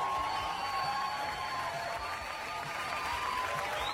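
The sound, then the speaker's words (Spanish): Steady, dense clapping from a crowd fills the whole stretch, a loud wash of many hands applauding together without pause. “Así que un fuerte aplauso para todos nosotros.”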